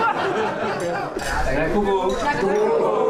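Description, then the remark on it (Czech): Champagne glasses clinking in a toast as Czech kayaker Jakub Krejčí celebrates his world championship gold with the national team, bright chimes rising over steady chatter and a few chuckles from several people. “Jakub Krejčí zlato s ostatními členy národního týmu symbolicky skleničkou šampanského oslavil.”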